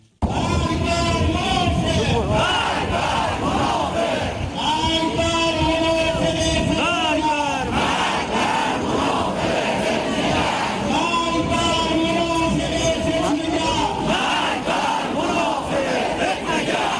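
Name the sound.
crowd shouting protest slogans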